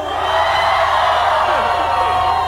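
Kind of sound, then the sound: crowd, crowd shouting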